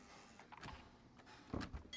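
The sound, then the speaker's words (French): The door of an engraver and screen printer's workshop in Montauban opens: a couple of clunks and rattles from the handle and frame, followed by a brief scraping movement. No one speaks. “graveur et sérigraphe montalbanais, nous a ouvert la porte de son atelier.”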